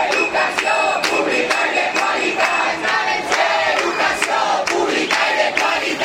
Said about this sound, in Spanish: Son los gritos que lanzaba un grupo de profesores a las puertas del Menador a la llegada del presidente de la Generalitat, Juanfran Pérez Llorca, que ha visitado y que está visitando a estas horas la ciudad de Castellón.